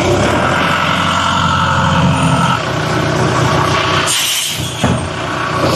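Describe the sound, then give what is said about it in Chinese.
A heavy tow truck engine runs loudly, a steady low rumble that shifts tone partway through, with a brief dip and a surge of hissing noise near the end, as the truck tows away a long-abandoned car with flat tyres and a dead battery from a public parking space. “由于车辆长期没有启动，也没有管理，车辆电源已经打不着火，干瘪的轮胎也没法移动，现场由拖车先行脱离，再进行后续处理。”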